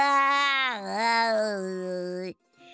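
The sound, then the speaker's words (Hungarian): A disguised voice imitates a cat's meow in one long, drawn-out cry, about two seconds, with a wavering, dipping pitch. It is loud, then cuts off sharply into silence. “És a kis csacsi elváltoztatta a hangját, és nyávogott egyet.”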